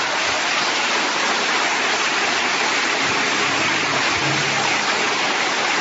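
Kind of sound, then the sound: crowd, audience applauding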